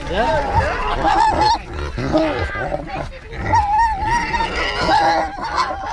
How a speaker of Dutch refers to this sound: Ja, de varkentjes hebben natuurlijk door dat de eenden en de ganzen worden gevoerd. Die willen ook wat.